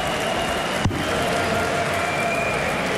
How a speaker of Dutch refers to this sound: Dat wordt zelfs wel applaus gegeven in de zaal in Hongarije. Deze dubbel 16 krijgt misschien ook wat applaus.